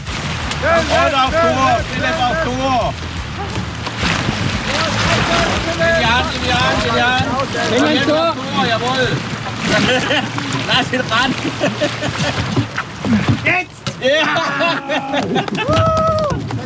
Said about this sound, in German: Das war Kanupolo im Opfingersee.